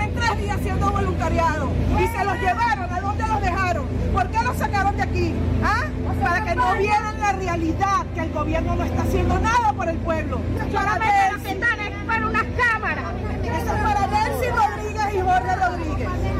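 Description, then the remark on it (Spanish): A large crowd of residents shouts insults and jeers at Venezuelan president Delcy Rodríguez as she approaches the ruins of a building in Chacao municipality, east Caracas: many raised voices overlap into a loud, continuous uproar with a steady low rumble underneath for the whole stretch. “Escena que acaban de escuchar ha tenido lugar este fin de semana cuando la presidenta de Venezuela, Delcy Rodríguez, fue recibida con gritos e insultos al acercarse a las ruinas de un edificio en el municipio de Chacao, al este de Caracas.”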